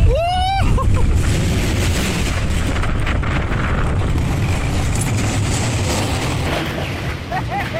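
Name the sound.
roller coaster ride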